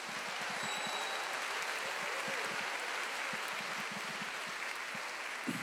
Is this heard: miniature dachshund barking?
no